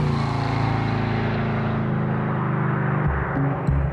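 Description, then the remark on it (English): A car engine roars loudly at high speed, going at least 112 miles an hour through an intersection, a steady droning whine that gradually loses its brightness as the vehicle speeds off, with a shift in engine pitch near the end. No talking. “He was doing at least 112 miles an hour through that intersection.”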